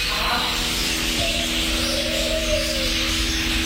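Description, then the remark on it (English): A dense, steady wash of birdsong in an aviary in Canberra holding about 60 species of birds, many chirping and twittering at once with a soft cooing underneath, continuous throughout with no one talking. “just lose yourself amongst the 60 species of birds and their”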